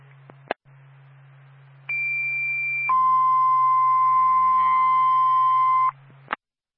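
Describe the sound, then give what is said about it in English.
A two-tone fire dispatch radio page for the Littleton fire department, sent before a call to a fire alarm activation at an apartment in Littleton: a steady high tone for about a second, then a lower tone held for three seconds, framed by squelch clicks over a low transmission hum. “Twin State, Littleton Fire, stand by for tone.”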